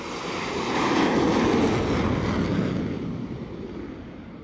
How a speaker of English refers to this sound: Then, the front wheel of the plane is attached to machinery under the deck, the catapult, which literally flings it off the edge of the deck like a pebble from a slingshot.